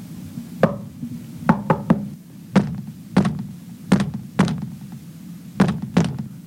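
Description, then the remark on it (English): Sharp knocks on a wall, about ten in all, coming in uneven singles and quick pairs over a low steady hum. The raps sound fairly solid, with short pauses between the groups. “Be brave and knock over there.”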